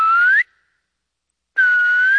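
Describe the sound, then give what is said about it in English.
A loud, clear human whistle with a rising pitch sounds twice, each burst held for about half a second, separated by a full second of silence, echoing through a snowy pine forest. No voices are heard. “It's just been very pleasant to call out or whistle out and have the forest speak back to you.”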